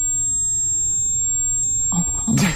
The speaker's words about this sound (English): Yeah, well, it's like just ringing. All he can hear is ringing. Ringing in his ears.